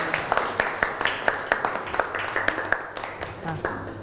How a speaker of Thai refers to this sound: โอเคปรบมือให้เพื่อนพรีเซนเตอร์หน่อยขอบคุณครับ